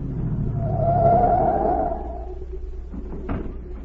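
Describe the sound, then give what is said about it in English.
A car engine rumbles, its hum swelling and then winding down as the vehicle pulls up and rolls to a stop at a watchman's gate, followed by a couple of soft thuds in the quiet idle. “A minute later, a car pulled up at the watchman's gate, and Agent Z stepped out.”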